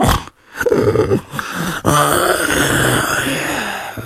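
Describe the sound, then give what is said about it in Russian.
A voice imitates the choked snoring and sniffling of a sleeping village headman under a sheepskin coat: a couple of short rasping snorts, then a long, rattling, wheezy drawn-out snore, fairly loud, with no talking. “И уже старостиха ничего не услышала, кроме удушливого храпа и сопения.”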